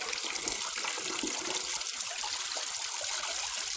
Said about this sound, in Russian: Верзила принимает душ в дощатой кабинке